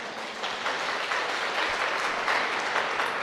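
At a Buddhist talk, the audience applauds themselves steadily, many hands clapping in a dense, even wash of sound that holds at a moderate level throughout, with no voices.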